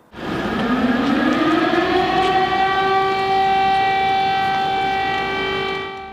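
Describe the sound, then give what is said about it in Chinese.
An air raid warning siren in Kyiv, Ukraine, sounding during German Chancellor Merz's visit, winds up from a low pitch into a steady, loud wailing tone with strong harmonics, holding constant for several seconds with no voices present. “近期德国总理默茨访问了基辅，迎接他的除了乌克兰总统泽连斯基还有防空警报，来看短片。”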